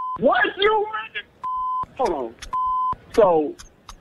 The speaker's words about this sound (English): Okay, if you pranked me, what's up with the airport stuff in the back then? Y'all at the airport?